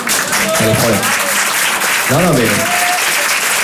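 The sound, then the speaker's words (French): Steady audience applause from a room of about 100 people, at first coming only from women, fills the whole stretch, a dense crackle of clapping hands, with a few voices calling out briefly over it. “Salle de 100 personnes, les applaudissements sont venus que des femmes au départ, mais c'est pas grave.”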